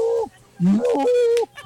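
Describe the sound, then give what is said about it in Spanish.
An odd-sounding cow moo, played as cow option number two in an on-air vote: loud, drawn-out bellows with a bending, wavering pitch, one brief call followed by a longer one that rises and then holds steady before stopping. “Ahí va la opción. La vaca número dos.”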